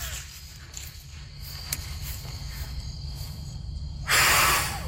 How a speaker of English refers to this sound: And we took a dandelion and we tried to blow off all the seeds, but only one side would come off.